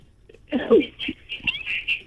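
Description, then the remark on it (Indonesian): A kitten meows a few times somewhere in the background, the cries fairly faint and drawn out, with a bit of low rustling and murmur underneath. “Mana bunyi suara tuan kucing belakang tu ada lah.”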